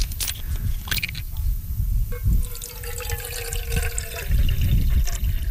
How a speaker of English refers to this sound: I'm gonna put in some water.